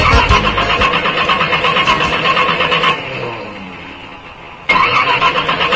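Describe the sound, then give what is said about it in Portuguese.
A car engine cranks repeatedly without catching, a loud, rhythmic whirring grind that stops for a couple of seconds, then starts cranking again, with no voices. “É, quando o motor tá desse jeito, como diz o mestre Mirão Cleto, tá mali mali.”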